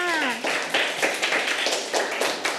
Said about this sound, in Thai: เก่งมากค่ะปรบมือให้เพื่อนค่ะ